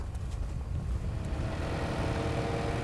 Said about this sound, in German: Hat eine gute Beschäftigung, der fährt ja gerne Trecker.